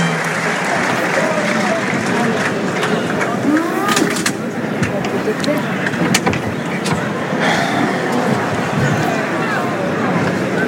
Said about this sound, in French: Ouais, applaudi par le public des arènes du parc Théodore Denis.